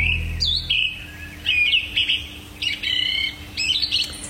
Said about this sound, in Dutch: horen we om 4:20 een zanglijster prachtig zingen in de berk naast ons